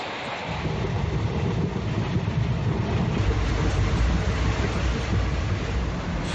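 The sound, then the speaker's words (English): A steady, loud rumble of a sleeper train rolling along the rails, heavy low roar with a hissing wash on top, constant throughout with no voices. “The sleeper cars have beds on two levels.”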